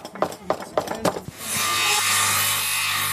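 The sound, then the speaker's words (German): Children saw and rasp wood by hand at craft stations around the church in Poch, Saxony-Anhalt, Germany: a handsaw rasps through wood in a few quick, rhythmic strokes, then gives way to a steady, continuous rough scraping like rasping or sanding, fairly loud. “Ja, sägen, schnitzen, hämmern und schleifen. Die Kinder konnten sich an verschiedenen Stationen ausprobieren.”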